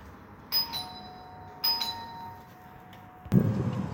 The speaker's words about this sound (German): Wir sind alle so gestresst und so beeinflusst von vielen Geräuschen wie die Türklingel, das Handy, das läutet in der Mittagspause. Hier kommt der Sound einer Türklingel.